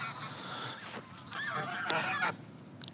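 A family of geese honks in overlapping bursts, harsh nasal calls rising and falling among honeysuckle hedges and stinging nettles, with a steady outdoor hiss underneath and no one talking.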